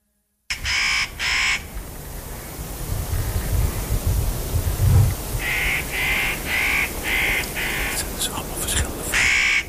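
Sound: spotted nutcracker call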